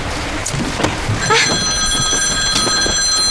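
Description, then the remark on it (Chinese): A phone starts ringing late at night partway through, a sustained electronic ringtone of bright steady tones that comes in loud over some muffled rustling and background noise. “你不许接。 你把电话给我。 不许接。 你让我接电话。”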